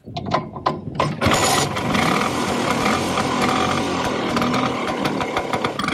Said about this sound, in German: Was ist denn das für ein Moped? Ja, dieses berühmte Brummen feiert Geburtstag. Die Vespa wird 80 und zur Feier des Tages sind Fans aus der ganzen Welt mit ihren Rollern nach Rom gefahren, um an einer Vespa-Parade am Kolosseum mitzumachen.